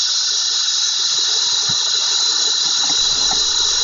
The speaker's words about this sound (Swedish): Ljudet från cikadorna kan uppgå till 120 decibel, och träden blev fulla av de här kärlekskranka skrottarna, liksom husväggarna.